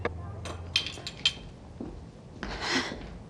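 Light clinks of small tea glasses and spoons, a handful of bright taps in the first second and a half, then a softer rattle of handling and pouring as the tea is refilled.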